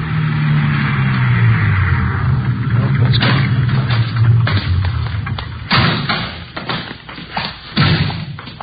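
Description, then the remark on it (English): At 3:15 p.m., police sergeants and Metro Squad men drive out to a neat-looking bungalow in the West Hollywood area: a car engine rumbles low and steady, its pitch sliding down as it slows, followed by a series of sharp thuds like car doors slamming shut. “3:15 p.m., together with Sergeants Ullery and Bryant and two men from Metro Squad, we drove out to the address given us by Fred Norris.”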